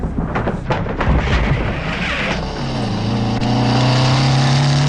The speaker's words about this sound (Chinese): 骑着摩托车来到了砖窑前